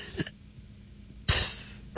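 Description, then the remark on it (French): A voice imitates someone trying to fart quietly on the subway: first a faint, brief puff, then after a pause a short, louder breathy burst with a hissing, spluttering edge. No one speaks. “Quelqu'un qui essaie de péter pas fort dans le métro.”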